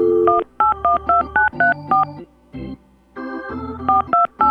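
A contest winner's phone number being dialed on a touch-tone telephone for a radio station's weekly Finding Rosie Red drawing: a rapid series of about a dozen crisp, evenly paced dual-tone beeps, loud, with brief pauses between groups of digits and no voices.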